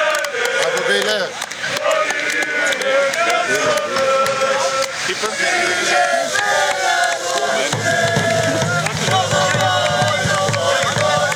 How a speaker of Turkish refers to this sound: Taraftarlarımız oyuncularımıza tezahüratlarla sevgi gösterilerinde bulundu.